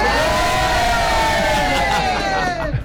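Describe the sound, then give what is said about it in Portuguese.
A packed studio audience at a Kiss FM radio open house cheers and shouts loudly, a dense roar of voices with long sustained yells riding on top for about three seconds before easing off. “o nosso estúdio lotado aqui, open house rolando. A galera faz barulho ou não?”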